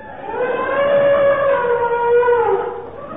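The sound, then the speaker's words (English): An elephant named Nelly trumpets in one long, loud, brassy blare lasting about three seconds, holding a steady pitch that sags slightly toward the end, with no voices over it. “That's one of your elephants, Sabu.”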